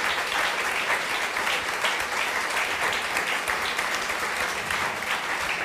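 A live show audience applauds the guest, clapping steadily throughout, a dense, sustained wash of applause with no gaps, fairly loud, and no voices standing out above it.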